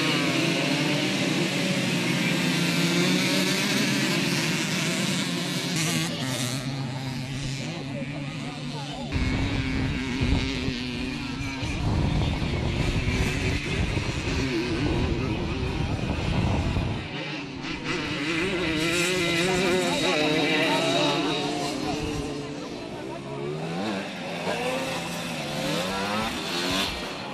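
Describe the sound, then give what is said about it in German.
Several small Simson two-stroke motorcycle engines whine and rev continuously as they race in a Simson class on a stubble field in the Erzgebirge, buzzing high-pitched and rising and falling, with a deeper rumbling stretch in the middle; the engines stay loud throughout. “Die Simson-Klasse brachte die bekannten Zweitakter auf das Stoppelfeld, was nicht nur für den typischen Sound, sondern auch bei vielen Zuschauern für Erinnerungen an vergangene Zeit sorgte.”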